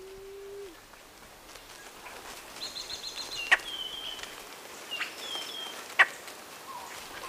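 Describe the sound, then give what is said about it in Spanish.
A Blue-headed quail-dove (Starnoenas cyanocephala) gives one low, soft cooing note at the start in a Cuban forest, then quiet forest ambience follows, with faint higher birdsong and two sharp, brief snaps. No one speaks. “Canta o cuchichea la paloma perdiz cubana. Nombre científico, Starnoenas cianocéfala.”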